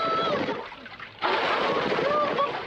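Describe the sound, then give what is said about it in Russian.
Tigers jump into water one after another with a sudden heavy splash after a brief lull, followed by a sustained churning wash of water; faint tonal sounds drift beneath the noise. “Тигры один за другим прыгают в воду.”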